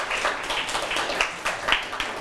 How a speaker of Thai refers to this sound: ถูกต้องปรบมือให้เพื่อนกลุ่ม2หน่อยครับ